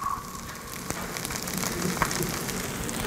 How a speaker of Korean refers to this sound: 이렇게 지글지글거리는 소리. 치즈. 신의 한 수. 치즈.